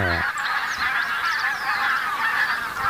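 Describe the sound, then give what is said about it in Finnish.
A large flock of over a thousand barnacle geese and tundra bean geese honking continuously, a dense overlapping chorus of yelping calls filling the air with no pauses, steady and loud throughout. “Siinä on valkoposkihanhia ja tunrahanhia.”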